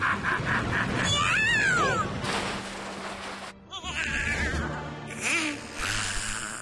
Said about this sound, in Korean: 고양이다.